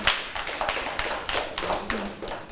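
A small group of children in a class clap their hands together for a classmate, a steady patter of overlapping claps that continues without pause and with no talking.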